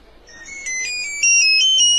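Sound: mobile phone ringtone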